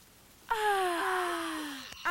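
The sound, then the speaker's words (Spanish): A loud, drawn-out exaggerated yawn from a human voice acting out an ogre's yawn in a story read aloud, rising then slowly sliding down in pitch over about a second and a half, ending with a brief breathy tail. “Y luego el enorme y torpe ogro lanzó un enorme y torpe bostezo.”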